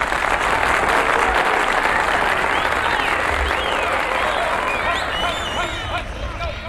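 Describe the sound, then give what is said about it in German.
Loud, sustained audience applause at the Radiobus in Tübach for a group that answered a quiz well fills the whole stretch, a dense wash of many hands clapping, with faint cheers and whistles rising near the end. “Ich finde, das verdient einen grossen Applaus.”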